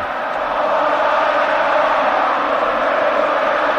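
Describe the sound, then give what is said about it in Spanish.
A loud, dense stadium crowd roars and cheers continuously at a Champions League farewell, a steady wall of voices filling the stands with no pauses, enveloping throughout, with Joaquín applauding in the stands. “Y Joaquín, Joaquín, que está en la grada aplaudiendo, muy emocionado, así suena.”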